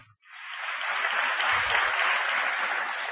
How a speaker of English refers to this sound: Your claps verily denote that he is a great and a very well-known performing artist and needs no introduction to all of us.